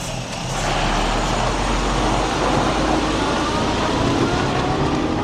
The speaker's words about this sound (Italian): Il proxim camion vegn ed eu continuesce il mia spasegiada in direzione Blatten.